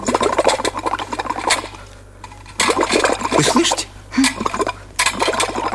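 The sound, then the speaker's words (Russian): A kettle boils with a loud, rushing hiss and bubbling that comes in several surges separated by brief dips, with no voices present. “Ну, за что вы обидели чайник?”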